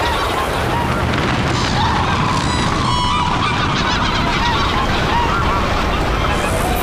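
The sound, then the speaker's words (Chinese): A large flock of migratory birds stopping to feed calls across Chagan Lake in spring as its ice melts, a dense, continuous chorus of overlapping goose-like honks, loud, with no one speaking. “今年飞来湖面的鸟儿似乎比往年更多，水源充足，食物丰富，大批珍稀候鸟在查干湖停留觅食，”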